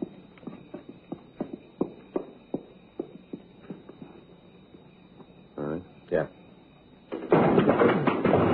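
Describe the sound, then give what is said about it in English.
Police officers kick in the front door of a building to make an arrest: a quick run of heavy, irregular thuds and bangs, a short raised voice, then a loud, harsh burst of crashing noise at the end. “You got no right coming around kicking doors all right, in.”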